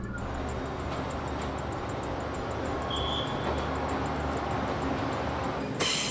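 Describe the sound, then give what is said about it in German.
A train squeezes through the small town of Shifeng along Old Street, rumbling steadily past, a dense continuous roar with a brief high-pitched squeal partway through and a sudden knock near the end. No one speaks. “Er zwängt sich auf der Old Street durch das Städtchen.”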